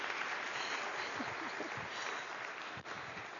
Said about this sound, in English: member of the family of God with our applause. Yay.